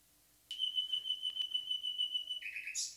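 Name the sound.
nightingale singing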